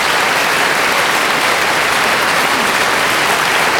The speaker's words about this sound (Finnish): Salin täysi yleisöä antaa runsaat aplodit täällä musiikkitalossa Vivaldi-tribuuttikonsertille. Ja sieltä vielä saapuvat solisti, kontratenori solisti Theo Imar ja Andrea Marcon kiittämään yleisöä ja vastaanottamaan kiitoksia yleisöltä.